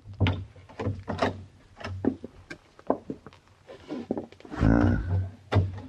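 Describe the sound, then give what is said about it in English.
A service entrance door is eased open with a low, drawn-out creak near the end, preceded by scattered soft knocks and shuffling clicks; no one speaks. “I think this is the door, Mr.”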